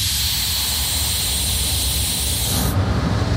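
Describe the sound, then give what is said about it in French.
Loud, steady hiss of the Petit train de la Mure's brakes releasing air as the driver brakes hard, under a deep rumbling roar; the train has its original 1932 cab and runs south of Grenoble. The high hiss cuts off abruptly near the end as the train stops, while the low rumble carries on. “Clément est en train de freiner fort.”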